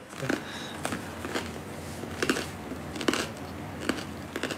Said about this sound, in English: Wow, the bread is crunchy. It doesn't taste like tofu for sure.